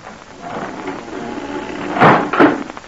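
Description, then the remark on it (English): A trap door in the floor of a tavern kitchen is hauled open: a low rumbling scrape followed by two heavy wooden thuds in quick succession, set against a steady background hiss. “There, a trap door in the floor was raised.”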